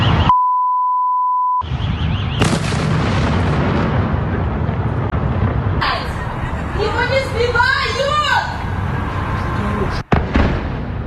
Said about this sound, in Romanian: Scene de coșmar în capitala Ucrainei. Timp de aproape 9 ore, sirenele s-au auzit aproape fără întrerupere, în timp ce explozii au zguduit cel puțin 12 zone ale orașului.